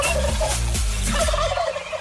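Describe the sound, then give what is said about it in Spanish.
A turkey gobbling sound effect: a loud, rapid, warbling burst of throaty calls lasting about two seconds, with no one talking over it. “Ponle pavo ahí.”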